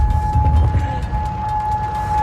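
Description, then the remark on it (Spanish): Air raid warning sirens in Kuwait, sounding as ballistic missiles and drones launched from Iran are intercepted, hold a steady, sustained tone over a low, rumbling background, continuous throughout. “Y este otro sonido es el de la guerra. Alertas, sirenas en Kuwait, donde se han interceptado misiles balísticos y drones lanzados desde Irán, como ha sucedido en otros países del Golfo en las últimas horas.”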